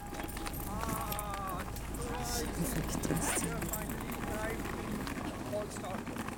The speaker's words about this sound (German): Die Räder der Rollkoffer übertönen das Läuten der Kirchenglocken.